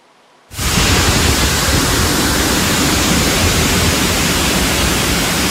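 Floodwater rushes through the streets of Dolj, which turned into streams within a few tens of minutes, in a loud, dense, unbroken roar that cuts in abruptly after a moment of near silence and holds steady throughout, with no voices.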